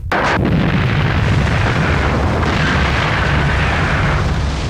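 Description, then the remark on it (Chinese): A large earthwork blast by railway troops, on a work face over 600 metres wide, cutting away more than 80 metres at once, erupts with a sharp burst, then a loud, deep rumbling roar that rolls on steadily for several seconds. No voices. “个大爆破，就是一下把那个车又打拉钩，啊，咚咚咚”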